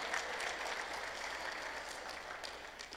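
A crowd gives a vote of applause, clapping steadily and densely throughout, a continuous patter of many hands at fairly even loudness with no voices standing out.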